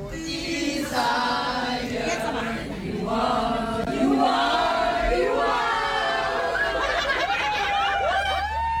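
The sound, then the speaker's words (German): A packed crowd of fans shouts, cheers and sings excitedly together inside a tram (Straßenbahn) in Düsseldorf on the way to a concert, with bursts of laughter and high-pitched whoops rising over the steady, loud din of many voices. “So klingt das direkt aus Düsseldorf, aus der Straßenbahn.”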